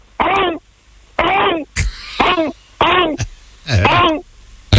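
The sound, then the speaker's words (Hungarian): A person imitates a raptor's call, as if alerting its companions to a big feast, with five loud, harsh, wavering vocal cries in a steady rhythm, separated by short pauses and sharp clicking sounds, with no words spoken. “őt még kinézi 3 raptor, és leadja a társainak, hogy gyertek, nagy lakoma van. Hogy szól?”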